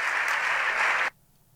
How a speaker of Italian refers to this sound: No, mannaggia, c'è stato un applauso. Un applauso. Abbiamo fatto solo gli applausi.